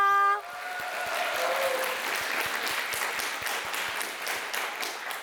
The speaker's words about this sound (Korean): 첫 무대를 멋지게 장식해준 정갈한 아리 친구들에게 다시 한번 큰 박수 부탁드립니다.